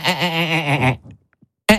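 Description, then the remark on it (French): A voice imitates a marsh frog's call: one loud, nasal, rapidly quavering cry of about a second, followed by a few faint soft noises and the abrupt start of another sound. “Mais c'est son chant, le fameux.”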